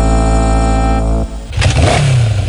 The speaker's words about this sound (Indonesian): Hey, awas, ada motor di depan, bro.